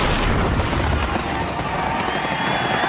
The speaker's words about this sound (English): Celebrate the 4th of July with a fireworks display from Messes Fireworks that'll make your party the best one yet.